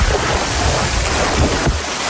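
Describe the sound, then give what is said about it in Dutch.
Loud, continuous rush of splashing water at a swimming pond fills the whole stretch, dense, with a brief surge near the end and no voices. “Eerst komen we langs de zwemvijver. Kun je dan nog een duik nemen?”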